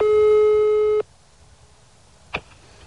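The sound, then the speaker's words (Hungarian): A steady telephone line tone sounds for about one second as a call is placed to Rudolf János Ferencné, mayor of Tiszanagyfalu, then cuts off into a quiet, hissy line, followed by a single sharp click, with no one talking. “Az ügyben többször kerestük Rudolf János Ferencnét, Tiszanagyfalu polgármesterét telefonon, végül írásban is.”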